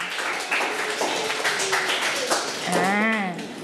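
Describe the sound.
A group of schoolchildren clap their hands for group 3, the top-scoring team in a class points activity, in a quick, uneven patter of sharp claps that runs the whole time, with young voices calling out over it near the end.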